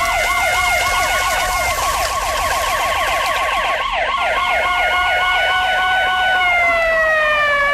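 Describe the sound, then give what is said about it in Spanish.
Three police car sirens wail together in fast, overlapping warbles, loud, as the cars converge at once. Their pitches shift slightly over the final seconds. No voices are heard. “No puedes golpear a un policía. 3 autos, Sidney. Debe haber pedido ayuda.”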